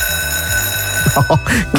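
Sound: school bell ringing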